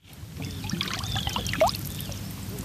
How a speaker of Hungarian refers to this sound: Nyár, szikrázó napsütés, Balatonpart, a víz hullámzása. Látszólag sokaknak egy átlagos vakáció hangjai, pillanatképei péntek délelőtt Siófokon